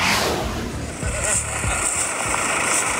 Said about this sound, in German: Das ist das Geräusch, wenn der Traktor aufs Feld rollt, um die Kürbisse vom Feld zu holen.